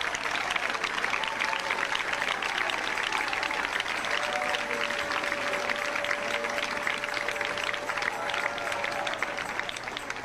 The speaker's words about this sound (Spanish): Dele palmas al Rey, dele palmas al Rey.